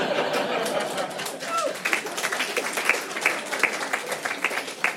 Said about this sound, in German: Und mittlerweile denke ich, die Ficker sollen einfach die Schnauze halten und klatschen.